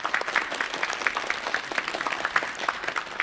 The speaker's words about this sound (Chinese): 好的，那在节目的最后呢，让我们再一次把热烈的掌声送给李老师，谢谢他精彩的分享。